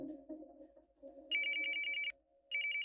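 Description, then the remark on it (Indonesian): A telephone bell rings in a long burst of rapid high trills, pauses briefly, then starts ringing again; a low hum or murmur sits underneath before the ringing begins. “Begitulah salam yang biasa diucapkan ketika kita menjawab telepon.”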